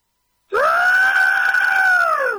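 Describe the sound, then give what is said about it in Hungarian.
A human voice imitates a pterosaur's screech: one loud, shrill, sustained cry lasting about two seconds, rising sharply at the start, holding steady, then sagging slightly at the end. “Jól gondoltuk, hogy ez a madár, ami repül?”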